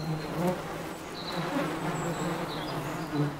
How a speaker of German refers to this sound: Das Bienenvolk in der zu kleinen Buntspechthöhle macht sich bereit. Inzwischen leben hier 50.000 Arbeiterinnen und die passen kaum mehr alle hinein. Das Volk ist zu groß geworden.